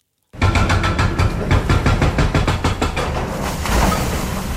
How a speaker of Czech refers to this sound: Rypadlo se právě provrtalo posledním kusem zdi a jak pomalu upadávají jednotlivé kusy, tak mizí i provizorně nasprejovaný barevný obrázek brněnské šaliny.